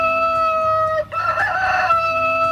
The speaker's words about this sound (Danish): Ja, den her hane er sådan en lille smule på speed, vil jeg sige. Men, ja. men jeg tror, de fleste af os sådan kan ikke genkende til, at de kan godt vække en tidligt om morgenen.